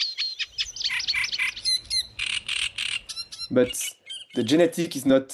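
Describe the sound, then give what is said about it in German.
A reed warbler sings a chattering, scratchy song of repeated harsh phrases and high buzzy notes, ending in lower, croaking churrs. No voices accompany it. “Nah verwandte Arten haben oft ähnliche Gesänge, wie der Teich, der Sumpf und der Drosselrohrsänger.”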